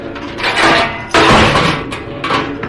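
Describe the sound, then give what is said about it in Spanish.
A heavy door of a dark hall is slammed shut hard by a man in a black tunic, one sharp booming impact amid rattling, creaking noise, with the thud ringing out afterward and no voices. “La hermosísima Greta Garbo instintivamente se acerca a Calimán buscando su protección, mientras mira al hombre de la túnica negra que cierra violentamente la puerta.”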